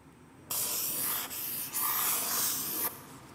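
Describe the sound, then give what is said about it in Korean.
A felt-tip marker scratches across paper as someone writes down a hint, one continuous stretch of dry, hissy rubbing broken by a couple of brief pauses between strokes, with no talking. “사인펜 힌트 드릴게요. 제가 지금부터 적을게요.”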